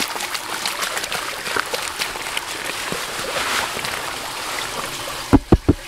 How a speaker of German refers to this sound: In eine große blaue Wassertonne kippt er eine Erdprobe aus der Ausgrabung. Der tatsächlich spannende Moment ist, wenn man dann den Kübel ins Wasser kippt und wie gesagt das Unsichtbare sichtbar wird.